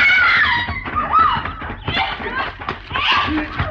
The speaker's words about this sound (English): What was that? Oh, sound like a lady scream, Mr. Paladin.